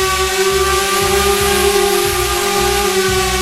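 A drone buzzes loudly overhead above a meadow in Lusatia (Lausitz), a steady high-pitched whine with layered tones and a faint rhythmic throb underneath, continuing unbroken throughout with no voices.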